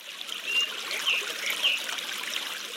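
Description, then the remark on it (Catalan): Spring water trickles steadily out of rock in a thin, continuous stream with small bright splashing flickers, moderately quiet, with no voices. It emerges near the Camí de l'Anzell, where permeable rock meets impermeable red rock and the water can no longer infiltrate. “I amb un contacte amb les dues roques, l'aigua no es pot seguir infiltrant i acaba sortint a l'exterior.”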